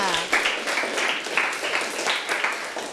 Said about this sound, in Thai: โอ้โหเยี่ยมมากเลยค่ะปรบมือให้เพื่อนค่ะ